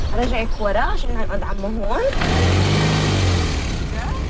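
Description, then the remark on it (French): A voice talks briefly, then a car engine rumbles with broad road noise, a steady low drone that swells slightly as the car drives through the centre of Ramallah. “Anouar passe me chercher en voiture dans le centre de Ramallah”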